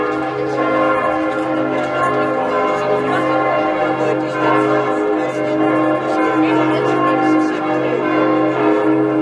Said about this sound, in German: Seit fast 2 Jahren hängt das Glockenspiel der Hettstädter St. Jakobikirche wieder komplett im Dom und zählt mit seinem Klang zu den schönsten im Landkreis Mansfeld-Südharz.